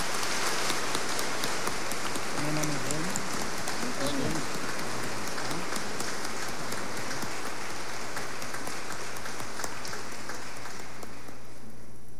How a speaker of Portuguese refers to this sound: E nós vamos dar uma salva de palmas para eles. Fiquemos todos em pé.